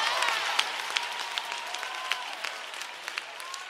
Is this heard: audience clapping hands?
yes